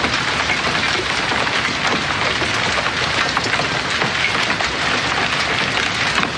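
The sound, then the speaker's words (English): Hail pelts down hard in a backyard, recorded from a patio door, in a dense, unbroken clatter, with sharp crackling, banging and clanging impacts on hard surfaces and a metal-framed gazebo, loud and steady throughout, with no voices. “Okay, and I want to press play on a piece of audio here as it pertains to hail.”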